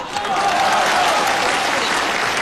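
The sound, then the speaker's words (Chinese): Sustained audience applause at the 1997 Spring Festival Gala during Niu Qun and Feng Gong's crosstalk piece "Two People's World": a dense, steady wash of many hands clapping at once, loud, with no pauses. “因为女同胞的掌声比较持久。”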